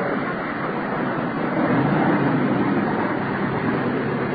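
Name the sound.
car pulling away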